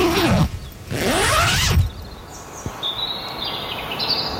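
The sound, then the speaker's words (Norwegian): A tent zipper is pulled open in two quick, rasping strokes while camping overnight in a tent, followed by soft morning birdsong chirping. “Så idyllisk kan det altså være å overnatte I telt noen ganger da.”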